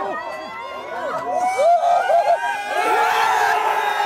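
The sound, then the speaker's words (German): A few dozen Belgian football fans at a pop-up public viewing near the cathedral in central Brussels erupt in loud, relieved cheering at 2 a.m. as Charles De Ketelaere scores 1:0 in the 9th minute, many overlapping voices shouting and whooping, the noise swelling after a moment and staying dense and high-pitched. “Jubel der Erleichterung.”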